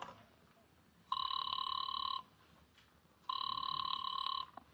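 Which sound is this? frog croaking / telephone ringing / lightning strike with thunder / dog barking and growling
telephone ringing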